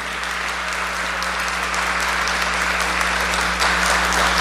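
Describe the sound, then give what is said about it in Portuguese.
Audience applause fills the whole stretch, a steady dense wash of many hands clapping at an even loudness, swelling slightly near the end, with a low steady hum underneath and no talking, after the audience is told to applaud. “Pode aplaudir, pode aplaudir, pode aplaudir, pode aplaudir.”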